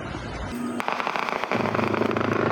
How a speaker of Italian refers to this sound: Da qui gli spari e le minacce. Santa Marta paralizzata.